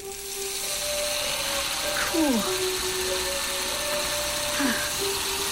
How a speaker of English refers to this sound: Two-directional drill. You run it backwards, the numbers go down. Watch your speedometer.